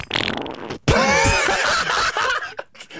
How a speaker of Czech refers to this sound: Co to leze? Co to? Prdík!